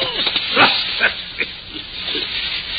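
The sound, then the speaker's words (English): A small dog growls and snarls in short, rough bursts as it tugs at a shoe, over a steady hissy background noise. “Look at the little beast, will you? What's he got, a rat?”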